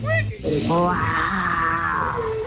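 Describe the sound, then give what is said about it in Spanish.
A person imitates a lion's roar, a loud, drawn-out growling roar with a rough, rising and falling voice lasting a couple of seconds. “Una mañana en la selva, el león se despertó y rugió muy fuerte.”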